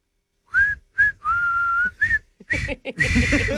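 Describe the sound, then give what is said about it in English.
A person whistles a well-known song melody for a guess-the-song game, a few short notes followed by a long held tone and more phrases, with breathy noise and some background rustle toward the end. “whistling it.”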